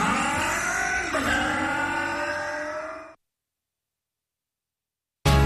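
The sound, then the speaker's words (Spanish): A motorcycle engine revs loudly for about three seconds, its pitch climbing and dipping, then cuts to silence before another brief burst of sound at the very end. “Logra más potencia en tu moto. Agrega aceite 4T Top Lube.”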